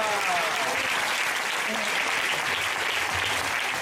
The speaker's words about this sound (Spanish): Denle un fuerte aplauso al Señor entonces.